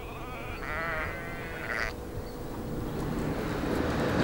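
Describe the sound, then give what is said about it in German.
Sheep bleat in a flock, with a couple of wavering calls standing out over a steady, low rumbling background of shuffling movement and outdoor noise. “Hütehunde müssen wachsam sein und dafür sorgen, dass eine Schafherde zusammenbleibt.”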